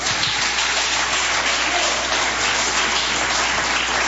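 A church audience gives 'palmas de vitória' (applause of victory) to God. Many hands clap in a dense, steady roar that holds at an even, loud level for about four seconds with no voices.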